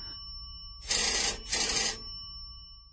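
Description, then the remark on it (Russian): A telephone bell in an adjoining room rings insistently in two loud, jangling bursts, one right after the other, with no one speaking. “Зазвонил телефон. Резко, настойчиво, отчаянно.”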